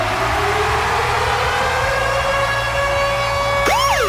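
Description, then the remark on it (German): The Virgin Radio Ticket-Alarm jingle: a loud siren jingle with a steady high tone rising over rumbling low noise, then ending in fast sweeping wails that swoop up and down; no voices. “Und zwar immer dann, wenn ihr unseren Virgin Radio Ticket-Alarm hört.”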